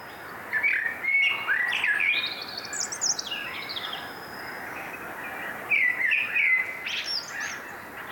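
Birdsong rings out over a quiet outdoor night in Björkeby, Sweden, among birch woods about 60 meters from a stream, during Sveriges Radio's Fågelsångsnatten broadcast: two bursts of bright, warbling phrases with rising and falling whistles, separated by a short lull, clear against faint ambient hiss.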